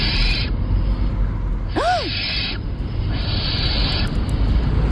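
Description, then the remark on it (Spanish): A barn owl's harsh, hissing screeches repeat in several long raspy bursts over a steady noisy background, with one brief rising-and-falling tonal call in the middle. No one speaks. “A ver, puede ser un gato, una lechuza común, una culebra ibérica o un mandril.”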